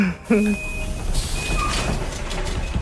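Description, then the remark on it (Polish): A door slides open or shut with a brief rushing clatter, preceded by steady electronic warning beeps and a low background rumble, with faint voices mixed underneath. “Drzwi!”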